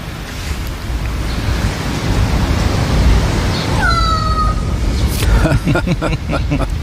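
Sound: crow cawing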